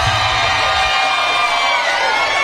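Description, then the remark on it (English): A large rally crowd cheers loudly and continuously, a dense wall of shouts and whoops that holds steady for the full few seconds without letting up. “She's not a medical doctor, but you can tell she's a teacher by the way that she addressed the crowd at the rally that happened after the terrible debate.”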